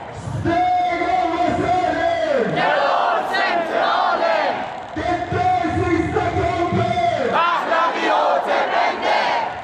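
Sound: protest crowd chanting slogans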